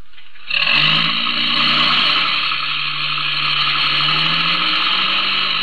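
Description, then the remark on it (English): A truck engine roars to life and pulls away, a loud, steady rumble with a grinding mechanical whine that climbs slightly in pitch as it moves off. No one speaks. “Get in the truck.”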